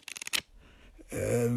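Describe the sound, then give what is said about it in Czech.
A quick burst of crisp papery flicking and rustling as paper banknotes worth 1500 pounds are riffled and counted, lasting a moment before a voice starts speaking. “Tady, v papírových bankovkách.”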